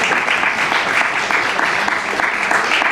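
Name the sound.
applause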